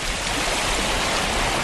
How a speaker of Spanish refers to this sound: Hoy, y dado que el nacimiento del río Cuervo está cerrado a las visitas turísticas por unos trabajos de mejora de la seguridad, dirigimos hacia allí nuestro objetivo. Este es el sonido de las cascadas del nacimiento del río Cuervo.